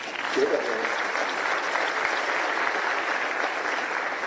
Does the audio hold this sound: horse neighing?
no